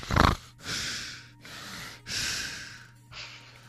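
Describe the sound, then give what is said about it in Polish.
Heavy huffing breaths: a sharp snort-like puff, then four long, noisy exhalations and inhalations in a steady rhythm, fairly loud, with no talking. “Co, że ja za dużo sapię?”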